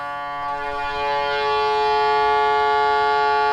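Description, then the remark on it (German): A police boat's fog horn, called the Fox signal, sounds one long, loud, steady blast with rich harmonic tones, swelling slightly and holding without a break for the whole stretch, no voices. “Das ist dann quasi dieses Nebelhorn, das Fox-Signal nennt sich das dann.”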